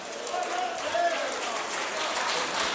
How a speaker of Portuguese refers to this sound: Olha que multidão para Jesus. Quem agradece ao Espírito Santo com palmas bem forte.